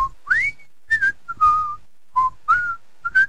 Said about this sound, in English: I hear you're still whistling.